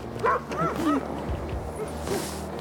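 Several sled dogs bark and yip excitedly in quick, overlapping bursts, with high-pitched yelps mixed in over a steady outdoor background hum.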